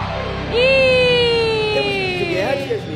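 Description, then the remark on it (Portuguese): A loud, sustained group shout of "eu" from the parents in the audience rises suddenly and holds for over two seconds, its pitch drifting slowly downward before breaking off, over a noisy, echoing background. “Isso, vamos gritar comigo. Aonde estão os papais dessa tarde? Grita bem forte, eu!”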